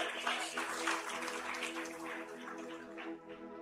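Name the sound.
audience applauding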